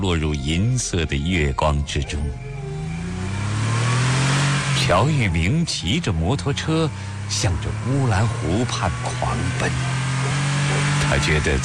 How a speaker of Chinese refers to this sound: 夜晚，蒙古包落入银色的月光之中。乔玉明骑着摩托车向着乌兰湖畔狂奔，他觉得在那里会寻得一丝宁静和宽慰。